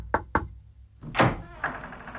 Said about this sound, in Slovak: ty ma len ústavične zdržiavaš a ona môže každú chvíľu zaklopať na dvere.